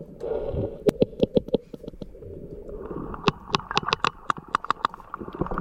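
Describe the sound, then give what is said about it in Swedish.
Sperm whale clicks underwater: sharp, sharp-edged knocks in two steady, fairly quick runs, roughly twenty in all, over a low rumbling underwater wash. “Det här är ju kaskelotter.”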